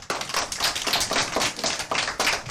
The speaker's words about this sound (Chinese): 就是这些，很好，掌声。